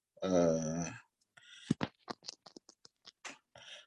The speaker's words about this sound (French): Parce que le royaume, je fais un croquis ici pour, en fait, je ne sais pas comment je vais faire ça.